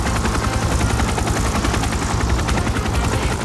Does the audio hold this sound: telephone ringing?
no